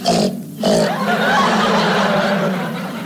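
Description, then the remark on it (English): A voice imitates a pig with rough, nasal snorting grunts: a short burst, a brief pause, then a longer sustained squealing snort that stays fairly loud throughout. “That's a pig.”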